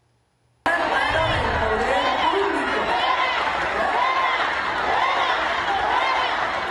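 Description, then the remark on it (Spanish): After a brief silence, a loud crowd at an event erupts in continuous shouting of "fuera" (out) at a protester speaking through a megaphone, many voices overlapping in a steady, dense roar that holds at full intensity to the end. “En las imágenes se ve cómo el público le grita fuera a la manifestante con el megáfono”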